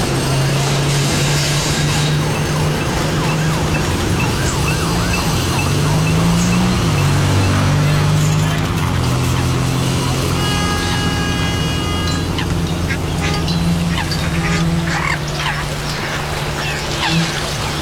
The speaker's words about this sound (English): Ah, that's my orchestra of rubber ducks playing for me whilst I soak in a bubble bath.